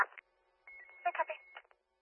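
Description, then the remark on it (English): A steady, high electronic alert tone of fire-dispatch type, sounded for an ambulance, lasts about a second over garbled radio chatter, preceded by a short burst of transmission noise. “Mutually fire tones for ambulance.”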